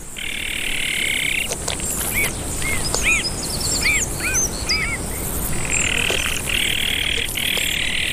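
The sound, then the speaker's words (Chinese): Azure-winged magpie chicks give a steady, buzzy, high-pitched begging chorus that pauses while a run of short, rising-falling adult calls rings out from the father and mother tending them, then the begging starts up again. “南伟灰喜鹊爸爸也回来了，他开始和妈妈一起照料雏鸟。”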